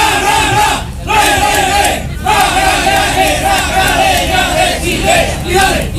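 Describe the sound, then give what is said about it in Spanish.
A big stadium crowd of Magallanes supporters shouts a loud, sustained chant in unison as the players are about to come onto the pitch, its phrases broken by two short breaths early on before the roar carries steadily to the end. “A escuchar, ahí está el grito.”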